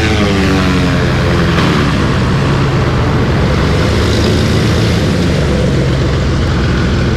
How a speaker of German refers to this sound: Jetzt landet er gerade hier und die Propeller drehen sich noch sehr, sehr schnell. Wahnsinn.